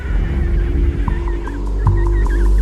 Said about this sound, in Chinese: 为了和父母团聚，这只帝企鹅幼鸟发出了独特的叫声，父母可以循着叫声找到自己的孩子。